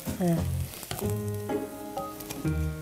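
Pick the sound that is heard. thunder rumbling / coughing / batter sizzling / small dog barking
batter sizzling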